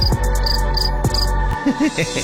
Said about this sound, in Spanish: Los grillos de platino. Sí, también suenan.